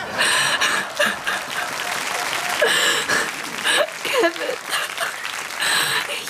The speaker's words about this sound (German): Das ist jetzt aber einen Applaus wert, oder?